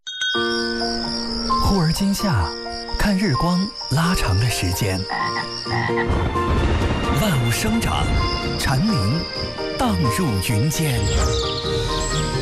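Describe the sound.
Cicadas drone in a steady, shrill high buzz that runs almost the whole time, layered into a dense, loud mix of voices and music in a summer promo for FM102.4 Hebei Music Radio.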